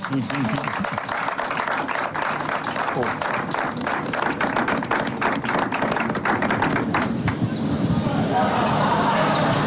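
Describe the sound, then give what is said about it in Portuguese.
An audience bursts into steady, loud applause for the fishermen, dense rapid clapping that carries on for several seconds with a murmur of voices mixed in. “Portanto, era uma salva de palmas para os pescadores, faz favor.”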